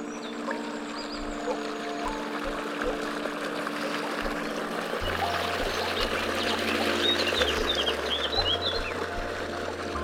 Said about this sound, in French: Après la tranquillité du méandre, j'arrive dans les remous. Je fais chanter les oiseaux.